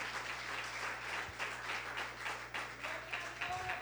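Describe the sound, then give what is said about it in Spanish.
A crowd applauds the Lord after a prayer, a steady, dense rush of many hands clapping with slight swells in intensity, accompanied by a low steady hum underneath and a faint tone near the end. “Denle otro fuerte aplauso al Señor, por favor.”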